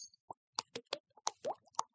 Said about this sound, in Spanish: Una pluma goteando desperdicia diariamente hasta 100 galones de agua. Evítalo. Bendito, cierra la pluma.